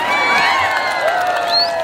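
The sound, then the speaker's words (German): A crowd of men cheers the winner of Pahlavani, a traditional form of wrestling, in a park in Kabul, Afghanistan, a steady loud roar of many shouting voices with a few high whoops rising above it for about two seconds. “Der Gewinner erhält Applaus und ein paar Afghani.”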